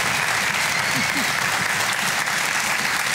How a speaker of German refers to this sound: Begrüßt mal mit einem herzlichen Applaus unsere beiden Kandidaten in dieser Woche, die Ausgelosten.